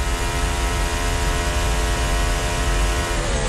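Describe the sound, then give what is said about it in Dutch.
Arvid Lindblad's racing car engine screams at high revs in a loud, steady, tonal whine during a timed lap, then its pitch dips near the end as the car brakes into the bus stop chicane. No voices. “Ja, je hoort inderdaad daar ze echt schreeuwen om een rempunt eigenlijk.”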